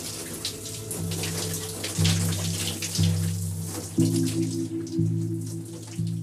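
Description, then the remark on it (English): Steady hiss of shower water spraying and splashing, continuous throughout, with a low sustained musical drone shifting pitch beneath it. “My first instinct was to take a shower.”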